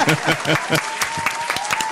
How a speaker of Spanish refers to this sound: Oye, un aplauso